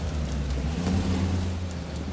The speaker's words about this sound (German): Hören Sie den Wagen?